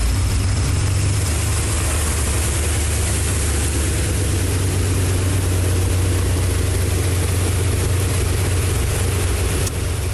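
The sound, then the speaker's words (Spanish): A heavy public transport bus engine rumbles steadily for the whole stretch as it crosses a flooded street near the Capu, Boulevard Norte and avenida Héroe de Nacozari, a deep continuous drone with a broad wash of noise over it, like a large vehicle pushing slowly through water. “Algunas unidades de transporte público se arriesgaron a cruzar por la zona.”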